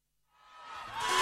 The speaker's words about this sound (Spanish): Fuerte el aplauso